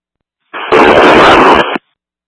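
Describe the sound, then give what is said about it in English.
A single loud burst of harsh radio static on a fire department dispatch radio channel, lasting just over a second, cutting in abruptly with a dense crackling hiss and stopping just as suddenly, with no voices. “Roger 1, QR traffic, static.”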